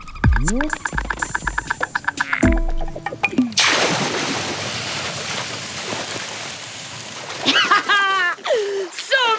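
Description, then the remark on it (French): An anteater whose tail is on fire splashes into a river with a loud burst of water, followed by several seconds of steady churning and sloshing as it swims with its front paws, like a little dog, with animated voices before and after. “Notre fourmilier est bon nageur.”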